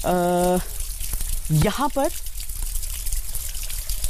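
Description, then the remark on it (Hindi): A waterfall at the Kairi Mahadev temple rushes and splashes steadily over rocks, flowing down to where jalabhishek is being performed, a constant hiss running throughout, while brief voices and a short sustained tone rise over it near the start. “यहाँ से होता हुआ ये झरना नीचे की तरफ जा रहा है, जहाँ पर जलाभिषेक हो रहा है।”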